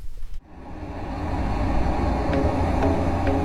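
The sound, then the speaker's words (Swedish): A simulated road traffic environment played through loudspeakers at between 75 and 80 decibels: a steady, dense roar of traffic rises in after a brief pause, a broad low rumble with a faint hiss on top and a few light clicks, loud and continuous throughout. “Och så ska vi spela upp en simulerad trafikmiljö.”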